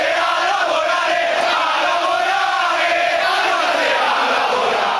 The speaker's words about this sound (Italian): Non è un buon segno quando i tifosi iniziano a intonare all'indirizzo della propria squadra un coro del genere.